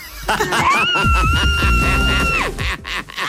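A person lets out a loud, sustained scream lasting about a second and a half, strained, rising sharply before cutting off, with busy background noise underneath. It is a listener's "Wednesday scream" for the Los 40 radio station.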